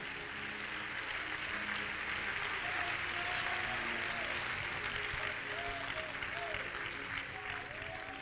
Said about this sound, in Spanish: Dale palmas al Rey, aleluya.